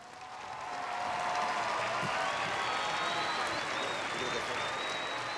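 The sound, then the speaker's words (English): A large crowd in Madrid, Spain, welcoming Pope Leo on the first day of his week-long visit to Spain, applauds continuously, a dense wash of clapping swelling in after a moment and holding steady, with cheers and whistles rising through it. “Pope Leo is in Madrid, where he was welcomed by huge crowds on the first day of a week-long visit to Spain.”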